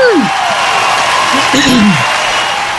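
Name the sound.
applause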